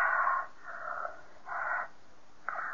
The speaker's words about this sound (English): This is where her breathing gets heavier. You'll see.